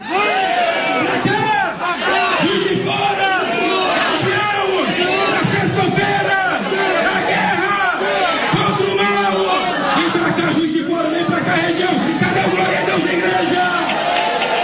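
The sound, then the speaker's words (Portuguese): A large crowd at a morning religious gathering in Juiz de Fora shouts and cheers together in a dense, continuous roar of faith after a man who could not walk walked again, many overlapping voices rising and falling in loud waves with scattered yells and whoops throughout. “Olha aí, você está ouvindo a fé do povo, você está ouvindo a fé do povo.”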